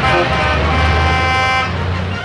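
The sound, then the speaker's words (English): A loud, sustained horn of a big truck blares continuously for about two seconds in a street, dominant over a rumbling engine underneath and faint traffic noise. “A big truck almost ran him down.”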